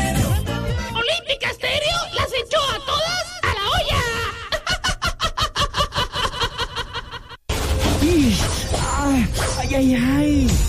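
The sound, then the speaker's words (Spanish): A worker yelps and cries out in pain after being hurt by a sharp object such as a fish bone or glass, a loud run of strained vocal outbursts with quick rhythmic gasping bursts in the middle, then more drawn-out wavering wails after a brief break. “Así suena cuando nuestros operarios se lastiman con objetos cortopunzantes como espina de pescado o vidrios.”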